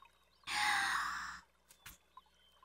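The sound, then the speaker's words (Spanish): A breathy burst of someone blowing bubbles into water, a rough gurgling hiss lasting about a second, then a couple of faint clicks and near silence. “¡Mira! ¡Hace burbujas!”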